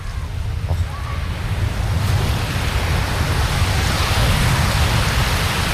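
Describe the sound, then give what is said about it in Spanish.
Steady roar of ocean surf washing onto a beach, a broad continuous rushing wash that swells slightly louder toward the end, with no voices. “Os voy a dejar con, ¿vale?, ese sonido maravilloso para que disfrutéis.”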